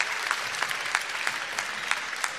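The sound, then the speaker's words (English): A crowd claps steadily in a sustained burst of applause, dense and even, with periodic louder accents rising out of the wash of hands. “Give us all a big burst. Big burst of applause.”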